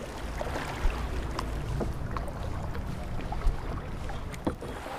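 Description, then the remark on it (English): Kayak paddles dip and splash through the water of the Owawa River as participants paddle out to a tranquil pool, with sharp strokes every second or so over a steady wash of water and low wind rumble. No one speaks. “The participants also paddle out to a little paradise on the river.”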